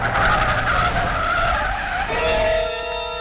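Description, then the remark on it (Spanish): A car skids hard, its tires letting out a loud, wavering squeal over a rumbling engine, then sharpening into steady high-pitched screeching tones as it lurches to an abrupt stop in front of an old building at night in the rain, after jolting across a marshy strip. “El auto da tumbos violentos al cruzar por una franja pantanosa y luego se detiene bruscamente frente a un antiguo edificio envuelto en sombras de la noche y la lluvia.”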